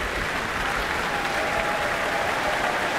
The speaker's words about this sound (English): Wow, this is a lovely atmosphere now. Everyone's calling her back for more, for another round of applause.